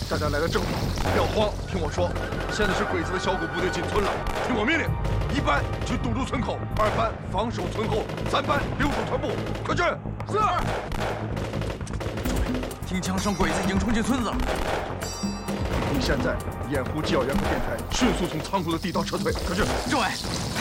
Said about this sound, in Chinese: 听枪声，鬼子已经冲进村子了。